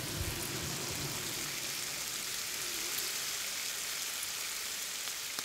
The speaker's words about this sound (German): Klingt wie Regen, der auf ein Hausdach fällt. Oder man könnte einen Regenschauer nutzen, um Speckbrutzeln zu imitieren.